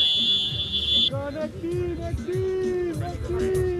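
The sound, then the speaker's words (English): A phone timer alarm rings with a steady, high electronic tone for about a second, marking the end of a 5-minute match, then cuts off, leaving a busy background of overlapping voices and activity. “That's his phone timer going off.”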